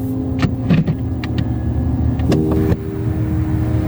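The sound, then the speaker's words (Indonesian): A car arrives, its engine humming steadily with a low drone broken by a few sharp mechanical clicks and thumps, with no one talking. “Bukan mobil yang depan sana, yang warna merah.”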